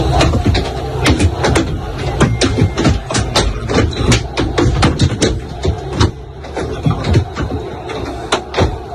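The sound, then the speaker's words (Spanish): From inside the Real Madrid team bus arriving at the Camp Nou, objects thrown at it strike the body in a rapid, irregular barrage of sharp bangs and thuds over a steady low engine rumble, with faint crowd noise behind. “Bueno, son 8 segundos nada más, los ha facilitado el club para que vean cómo suena de dentro todo lo que le va cayendo al autobús.”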